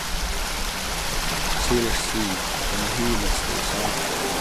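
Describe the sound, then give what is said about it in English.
A creek, Monte Creek (Winanich), rushes steadily, its constant broad hiss of flowing water filling the whole clip, with a faint murmur of voices briefly rising through it midway. “This creek's named after my grandfather, by my great-grandmother.”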